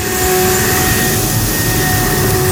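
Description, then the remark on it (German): A leaf blower runs steadily and loudly, a constant rushing roar with a droning engine whine laid over it, holding at one level throughout without any voices. “Die Laubbläser sind wieder da.”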